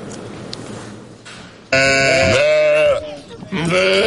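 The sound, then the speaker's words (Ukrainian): Sheep bleat loudly, two long wavering calls after a quieter stretch of background farm ambience, with a brief pause between them, from wooden pens at the Zelenyi Hai eco-farm near Dnipro on a sun-warmed July morning. “Липневий ранок, прогріте сонцем повітря і дерев'яні загони, звідки визирають коні та вівці.”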